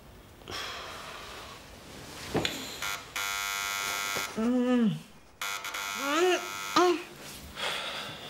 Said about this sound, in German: Tut mir leid, aber es klingelt. Ich kann ja nicht einfach aufmachen.